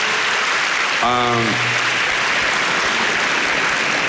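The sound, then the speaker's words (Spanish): Steady, dense applause fills the whole stretch, a continuous wash of clapping, with a short voiced shout or cheer rising briefly over it about a second in; the applause is given to God, the blessed King, after a prayer. “Dele ese aplauso al Rey bendito.”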